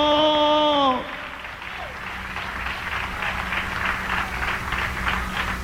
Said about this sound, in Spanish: ¿Cuántos estamos agradecidos esta noche? Dale un aplauso de alabanza. Dale un aplauso de gratitud al Cordero.